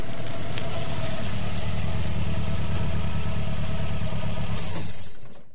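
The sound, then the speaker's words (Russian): A car engine idles with a steady low rumble and faint vibration after turning onto a dark country dirt road with no street lighting, then is switched off near the end, the sound quickly dying away into near silence. “Тома свернула на проселочную дорогу и заглушила мотор.”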